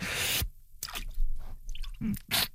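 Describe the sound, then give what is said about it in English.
Arms plunge into cold water, with a burst of splashing followed by a few wet sloshing and squishing movements, no one speaking. “Now it's time to dunk our arms in the cold water.”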